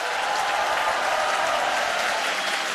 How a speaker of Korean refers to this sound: 네, 할렐루야, 더 크게 박수 보내주시죠.